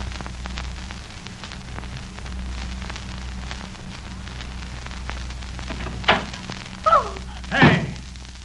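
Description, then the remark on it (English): A door is opened with a passkey during a raid: after several seconds of steady low hum, a quick series of three sharp clunks and squeaky rattles rises near the end, the last the loudest. “I'll open the door.”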